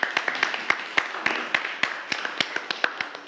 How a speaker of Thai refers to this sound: โอเคครับโอเคปรบมือให้เพื่อนด้วยครับนักเรียน